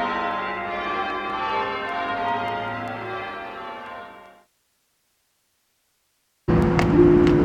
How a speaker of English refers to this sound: I embrace the bells. I become one with the bells. My soul merges with the bells. It's like I never existed without them. Their absence is like a jagged, gaping hole in my soul. I miss the bells. I long for the bells.